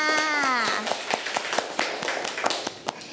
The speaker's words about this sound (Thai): เก่งมากค่ะเด็กๆปรบมือทั้งสองคนค่ะ